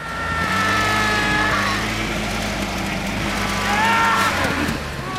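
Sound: truck engine revving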